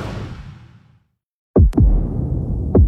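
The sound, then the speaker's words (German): After a fading low rumble and a moment of silence, deep booming heartbeat sound-effect thumps land in a double lub-dub, then a single beat follows, loud over a low droning bed. “Starte deine Lehre bei Liebherr in Menzing und spüre auch du deinen Herzschlag.”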